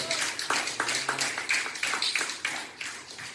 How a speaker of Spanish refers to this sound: ¿Usted lo cree? Denle un aplauso de gloria al Señor.